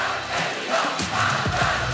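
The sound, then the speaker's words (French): A dense crowd of some 4,000 supporters at a Gabriel Attal political rally at Porte de Versailles, Parc des Expos, roars and cheers continuously as he makes his way through them, many voices overlapping into a loud, steady wash with scattered shouts rising above it. “10 longues minutes pour fendre la foule, sourire aux lèvres.”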